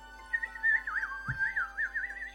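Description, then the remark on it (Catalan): A human voice whistles a wavering, warbling birdsong-like melody as the new song of a strange bird in a forest, rising and falling in pitch with quick trills, steady and fairly loud for a couple of seconds, with a brief low thump partway through. “Mentre el nen s'allunyava caminant pel bosc, va poder sentir la lletra de la nova cançó que l'estrany ocell cantava.”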